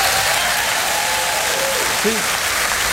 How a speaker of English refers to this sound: Even the cover gets applause.